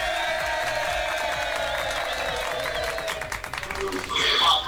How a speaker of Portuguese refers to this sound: Vamos aplaudir!